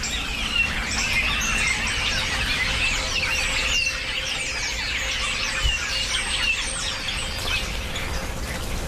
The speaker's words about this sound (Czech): No, to je nějaký hejno, oni se teď dávají do těch hejna, těší se na třešně, které ale nejsou, tak chodí hodně po pastvinách a sbírají hmyz, tady, co je kolem krav. Já takhle zvednu mikrofon, protože věřím, že to bude slyšet.